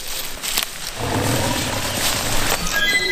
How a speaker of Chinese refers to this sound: 你刚才听到虎叫了是吗？ 那边吧， 那个方向。 对，在后面。 稍微有点。 我听见虎叫了， 他听到老虎的叫声了。 嗷嗷的声音，